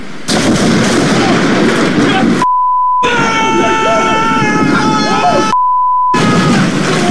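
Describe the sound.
In the rain, lightning strikes a massive pine tree, which falls on a building and rips off its front roof: a loud, crackling roar with shouting voices, broken by two short silent gaps where a steady high beep tone sounds.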